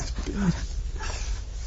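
A puppy lets out a short, whiny whimper near the start, a brief rising and falling cry over steady low room noise, with faint voices murmuring in the background.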